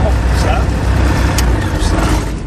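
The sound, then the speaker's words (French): An aircraft engine roars at high power as the throttle is applied on the runway 18 axis for takeoff, a loud, continuous drone with heavy low rumble and a broad hiss, holding steady throughout. “On est en train de mettre les gaz sur l'axe de mon initial 18.”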